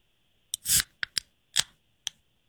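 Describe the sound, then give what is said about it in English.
A warm drink can, the first in a game of guessing beer or soda, is cracked open: a sharp click and a short fizzing hiss, then four more crisp metallic clicks spaced out over the next second and a half, with no talking. “here comes can number one, but you have to tell us suds or soda.”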